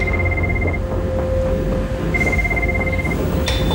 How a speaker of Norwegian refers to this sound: Vi fikk en telefon fra kontrollrommet. Det motormann som ringer på den interne telefonen. Og roper at det var full fyr.